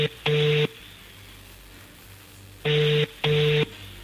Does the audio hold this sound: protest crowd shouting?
no